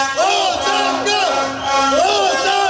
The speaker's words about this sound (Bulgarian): Протестът премина в шествие по центъра на града с викове оставка.